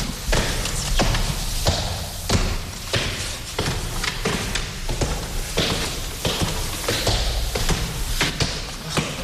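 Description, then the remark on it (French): The padded door marking the entrance to Frédéric Chopin's former bedroom in George Sand's house is opened and shut again and again, each close landing as a dull, muffled thud at a steady, fairly quick pace, with no voices. “Ça, c'est la porte capitonnée.”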